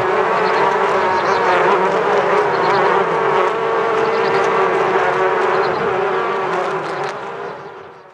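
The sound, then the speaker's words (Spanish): A dense, steady drone of many bees buzzing together, loud, holding constant before fading slightly at the very end. “Esta colaboración entre abejas y mujeres es una relación ancestral que se remonta a cuando los antiguos empezaron a poblar el continente.”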